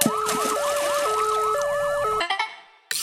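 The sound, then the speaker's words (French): A loud ambulance siren blares, alternating two-tone pitches layered over a rapid wailing sweep, then cuts off abruptly after about two seconds, leaving a brief quiet gap. “Pour la sirène.”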